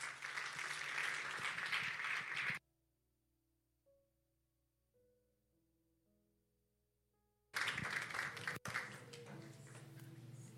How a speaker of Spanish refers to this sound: Denle un aplauso al Rey.